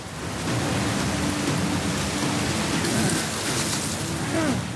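Steady rain pours down in a dense, continuous hiss, fairly loud, with a faint low rumble underneath and no voices.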